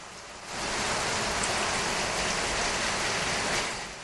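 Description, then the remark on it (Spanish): Heavy rain pours down steadily in the Galerías sector, a dense, continuous hiss of drops drumming on a surface that swells in quickly after a brief quiet start and stays loud throughout. “Aquí llueve, llueve a raudales.”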